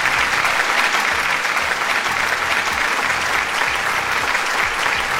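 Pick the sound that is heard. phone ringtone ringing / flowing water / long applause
long applause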